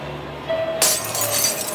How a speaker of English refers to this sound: Oh, what the heck? Cracked windshield? Don't wait.